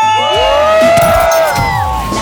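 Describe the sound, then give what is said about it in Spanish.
A group of voices shouts and cheers together on the Mexican radio station La Que Buena 97.1, in a loud, sustained burst with overlapping whoops and yells rising and falling. “Oigan, ayúdenme a gritar.”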